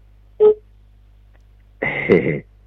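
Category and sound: signal or alarm, telephone dialing tones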